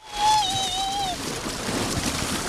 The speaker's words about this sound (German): Wasserrutsche runter. Mega, oder? Bei 30 Grad. Kann man mal ganz gut machen, rein ins kühle Naturwasser. In der Herpine in Halfa.